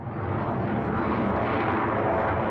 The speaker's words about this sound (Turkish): Açıklamaya göre, NATO görevi kapsamında hazır bekletilen 2 F-16 savaş uçağı bölgeye sevk edildi.